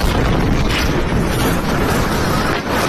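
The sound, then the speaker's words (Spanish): A massive explosion at a military barracks in the city of Viacha, in a sector of the base used for training and weapons repair, roars continuously, a loud, dense rumbling blast that fills the whole clip with heavy low-end boom and crackling debris, with no voices. “Este era el momento de la explosión, cuyas causas todavía se desconocen.”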